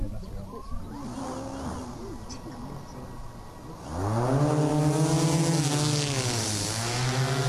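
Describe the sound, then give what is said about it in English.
An agricultural drone takes off during a drone demonstration at the Agriculture Careers Day at the University of Melbourne's Dookie campus: after a quieter stretch of background noise, its motors spin up, rising in pitch into a loud, steady, whining buzz that holds to the end. “That's not the sound of a whippersnipper flying. It's a drone demonstration at the Agriculture Careers Day at the University of Melbourne's Dookie campus, where the future careers in agriculture could be launched.”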